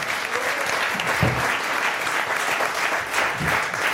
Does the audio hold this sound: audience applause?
yes